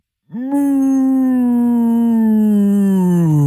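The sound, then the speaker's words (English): A person imitates a cow mooing in an office moo contest, trying to hold it longer than 5 seconds: one long, loud, sustained voiced note that starts abruptly, holds steady, and slowly sinks in pitch toward the end. “We're going to have a moo off at some stage tomorrow”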